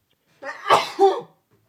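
A single loud sneeze with a quick breathy intake followed by a sharp explosive burst, heard on its own without any talking.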